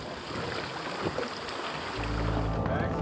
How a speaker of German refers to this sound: Unser Boot legt ab und das Schiff der Athleten legt an.